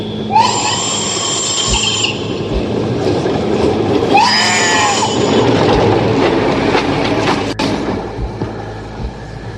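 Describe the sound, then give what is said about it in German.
An ICE high-speed train rumbles steadily past, its wheels letting out two bursts of high, shrieking squeal over the continuous roar of the rolling cars. “Wenigstens hat der ICE da drüben gerade das Schaf überfahren.”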